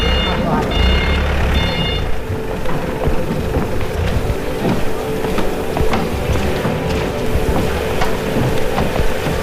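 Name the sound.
rain falling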